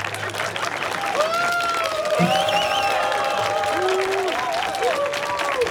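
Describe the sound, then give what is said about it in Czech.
A large audience claps steadily and loudly throughout, with cheering voices and drawn-out whoops rising above the dense wash of applause. It is a live Czech Radiožurnál broadcast event marking a day for the Jára Cimrman Theatre, with founder Zdeněk Svěrák on stage, about 100-200 people present, in fine weather. “Nechte je zatleskat.”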